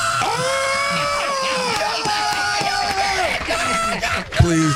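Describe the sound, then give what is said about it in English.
A crowd at a graduation ceremony cheers and shouts loudly and steadily for several seconds as a graduate's name is called, with sustained whooping voices and a brief louder burst near the end. “Like, please hold your applause and shouting.”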